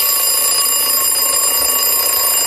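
A loud, continuous alarm clock ringing, its shrill tone holding steady and dense for a couple of seconds, with no voices.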